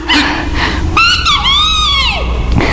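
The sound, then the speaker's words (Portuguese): A guineafowl calls with loud, harsh, strident cries: a short squawk, then a longer drawn-out one that bends down in pitch at the end, over a steady low background rumble. “Estamos longe de casa, mas dá pra ouvir a Angola cantar.”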